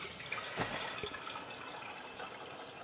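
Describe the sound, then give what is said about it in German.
Water pours steadily into the larger lower pot of a stacked double teakettle (chai-dannak) on a stove hotplate, a continuous rushing splash with a couple of brief knocks early on; no one speaks. “Das ist die Teekanne, Chai-Dannak. Jetzt füllen wir untere Stelle Wasser.”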